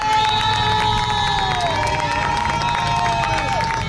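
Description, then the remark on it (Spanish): A large crowd gathered amid Spanish and Ceuta flags on a seafront promenade by the Mediterranean in Ceuta applauds and cheers steadily outdoors as police, soldiers and cleaning crews pass, with whistles and shouts rising above the dense clapping, which continues without a break throughout. “Por este paseo, lo estáis escuchando, circulan continuamente policías, militares, servicio de limpieza y cuando les ven los aquí congregados, les aplauden.”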